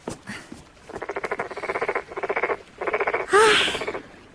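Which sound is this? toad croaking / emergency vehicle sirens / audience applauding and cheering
toad croaking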